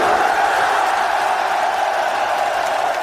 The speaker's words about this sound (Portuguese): Depois da partida, os jogadores europeus se sentaram no gramado e se uniram à torcida em uma comemoração sincronizada à maneira dos antepassados noruegueses.